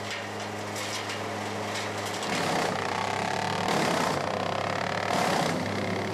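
A steady, low motor drone runs throughout, joined after a couple of seconds by loud, rasping bursts of a wood chipper grinding branches, surging twice more in harsh waves, with no voices.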